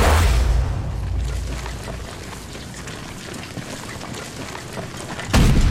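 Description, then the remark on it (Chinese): Enemy heavy artillery fires from its gun position, rumbling low at the start and fading into a steady, windy hiss, then another deep boom lands just before the end. Nobody speaks. “敌人的炮声越来越清晰了，说明咱们离他们的重炮阵地越来越近了。”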